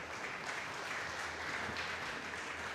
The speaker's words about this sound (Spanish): Denle un fuerte aplauso a Cristo.